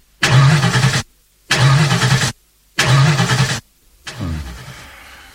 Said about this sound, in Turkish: Motor durdu. Arıza mı yaptı araba? Herhalde. Dur bakayım. Çalıştırmaya deneyeyim.